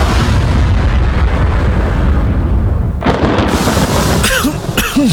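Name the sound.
coughing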